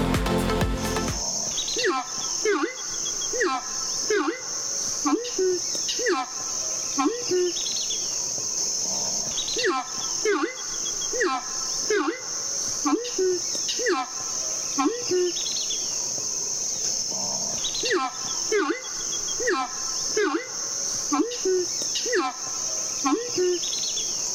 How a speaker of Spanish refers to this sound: Este sonido corresponde al canto del arauco y hace parte del proyecto A Ritmo de Pájaros de la Fundación Corocoras. Esta iniciativa busca exaltar el paisaje sonoro de nuestra maravillosa Orinoquía.